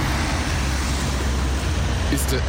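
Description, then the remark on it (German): Steady, dense roar of road traffic, cars and trucks passing continuously around a traffic island at a roundabout, with a deep low-frequency rumble and a brief brighter hiss near the end. “Sind Autos und LKWs.”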